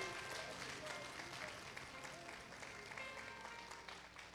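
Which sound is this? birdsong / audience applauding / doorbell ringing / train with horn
audience applauding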